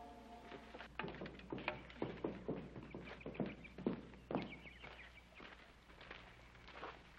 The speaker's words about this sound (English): Oh, Adam's horse just came in. Adam's horse? Yes, sir. He still got the saddle on him.